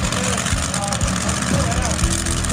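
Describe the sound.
A tractor engine revs with a deep, steady roar at a tractor pulling event in Hemmendorf, where old and new tractors pull brake sleds on a field; loud, rumbling continuously throughout with indistinct voices in the background.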